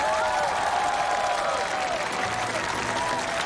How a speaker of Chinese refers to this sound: 现在用我们最热烈的掌声欢迎第一组悬崖村娘娘模特队登场。